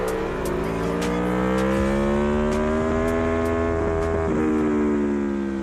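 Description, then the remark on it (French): A racing motorcycle engine roars loudly and continuously through the Virage de la Chapelle corner after a right-left chicane. Its pitch climbs gradually as it accelerates and dips briefly at a couple of gear shifts as the rider downshifts, with no talking. “Le virage de la chapelle, où la moto doit être très stable.”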